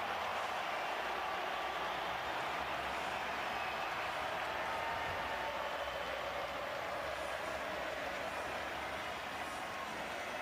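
A stadium crowd applauds steadily as Messi appears before Argentina's match against Jordan, a dense, continuous wash of clapping and cheering that holds at an even, loud level for the whole stretch, with no individual voices standing out.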